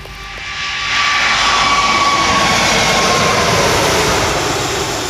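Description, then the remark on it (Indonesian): An Emirates Airbus A380 jet airliner arriving roars by, its engine noise swelling within the first second into a loud, steady rushing drone with a faint high whine, no voices present. “Meski berlangsung singkat, kedatangan pesawat A380 milik Emirates menjadi momen langka bagi dunia pencinta penerbangan.”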